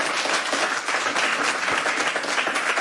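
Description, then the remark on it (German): Sustained audience applause welcoming the managing director of the Globe Berlin theatre, a dense wash of many hands clapping at a steady, loud level throughout, with no voices standing out. “Und davon berichten soll uns nun jemand, für den ich Sie um einen großen Applaus bitte.”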